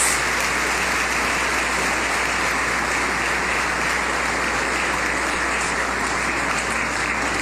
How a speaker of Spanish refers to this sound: Un aplauso para todos nuestros monaguillos.